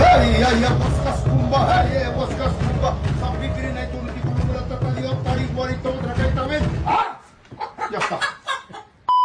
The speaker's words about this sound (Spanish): Va a pasos despacio, a pasos medio despaciones. Hey, gallina, apúrate. Ahí va la gallina vidente. La gallina vidente se acerca al área de México.